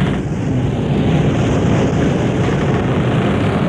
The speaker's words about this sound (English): Hear the creak of the rigging, listen to the wind whip the sails.